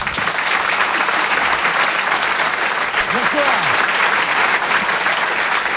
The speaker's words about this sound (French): Je vous demande un tonnerre d'applaudissements, s'il vous plaît. Une ovation pour Selig.